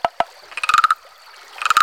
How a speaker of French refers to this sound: Parfois, on entend une grenouille chanter.